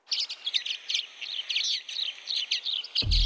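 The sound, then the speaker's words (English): A common waxbill sings a rapid series of thin, high chirps and buzzy twitters, repeated in short bursts over soft background hiss, ending with a sudden low thump. “I can't believe that I found the bird. It's a common waxbill. Listen to this.”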